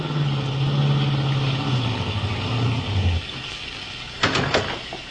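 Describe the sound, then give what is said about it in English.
A car engine hums and winds down in pitch as the vehicle pulls up behind another car and comes to a stop, followed by a brief pause and a sharp clunk like a car door. “Pull up behind that car just ahead on the left.”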